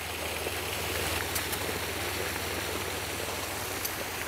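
Pre-cooled bathing water pours steadily into an outdoor bathing pool, a continuous rushing splash with no breaks, over a low, even rumble underneath. No one speaks.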